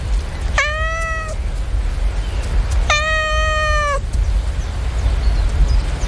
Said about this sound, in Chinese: 一股熟悉的气息渐渐靠近，不是主人的，因为主人还没有回来。哦，是兄弟，这只母猫的兄弟回来了。